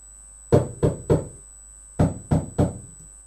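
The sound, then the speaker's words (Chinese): Two sets of three loud, sharp knocks on a door, made louder by a sound amplifier, each rap booming with a short ringing decay, the groups separated by a brief pause. No voices. “什么声音这么响？人们吓坏了，以为是开炮呢。哦，原来是宝贝猪在敲门。”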